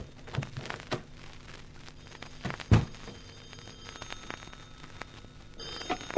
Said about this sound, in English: I rode the elevator to the top floor and reached my keys as I moved down the passageway to the penthouse door. I could hear the phone ringing inside, and I opened the door in a hurry.